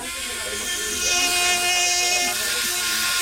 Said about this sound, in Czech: Máte v ruce takovou jako kdyby akuvrtačku, ale vypadá to spíš trošku jako pilka, k čemu to slouží? Můžou se udělat některé výřezy těch kostí v rámci těch ortopedií.